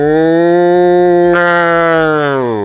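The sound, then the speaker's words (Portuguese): A cow moos in one long, loud, sustained call lasting nearly three seconds, rich and steady before trailing off slightly at the end, with no talking. “Aí vai cuidar da vaquinha.”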